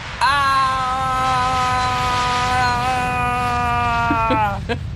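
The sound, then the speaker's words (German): A loud, steady aircraft engine sound played from loudspeakers roars at full power, a droning whine layered over rushing noise that holds constant for about five seconds before cutting off abruptly. “Das Flugzeug hat nicht ganz reingepasst ins Lachlabor. Aber es kam aus den Lautsprechern.”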